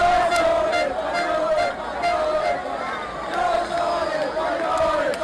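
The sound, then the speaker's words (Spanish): A large street crowd in Ávila, Castilla y León, Spain, celebrating the Spanish national team's football win, with a steady roar of shouting and cheering voices, scattered whistles and chants rising and falling throughout. “Así sonó la victoria de la selección en las calles, en las plazas, en los bares, en las casas de Castilla y León y, por ejemplo, en Ávila.”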